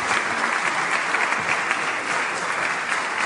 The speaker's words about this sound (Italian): vorrei dare la parola in questo momento a una donna di grande impegno e tenacia che ha reso possibile tutto questo, che vi prego di accogliere con un grande applauso, la responsabile nazionale di CNA Impresa Donna